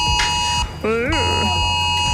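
A smartphone emergency alert tone sounding at 11 a.m. on Germany's nationwide warning day (Bundesweiter Warntag): a loud, harsh electronic buzzing drone that keeps sounding, with a short warbling, swooping burst of higher tones in the middle.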